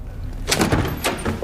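A door is pulled open, a short rattling scrape followed by a second clunk about half a second later, with no voices.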